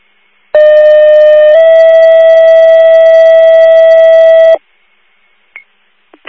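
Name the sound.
fire dispatch alert tone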